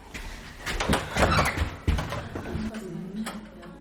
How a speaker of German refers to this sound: Machen Sie bitte die Tür auf.